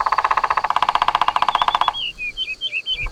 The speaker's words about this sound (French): Un oiseau avec des plumes vertes une tête rouge et un long bec. C'est un pivert. Le pivert tape avec son bec sur le tronc de l'arbre pour parler avec les autres oiseaux. Il tambourine.